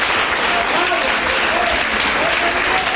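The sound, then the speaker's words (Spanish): Steady, dense applause from a crowd during a Spanish-language sermon, given in praise of God, a continuous wash of many hands clapping at even volume throughout, with faint voices mixed into the clapping. “Dale un buen aplauso, hermano.”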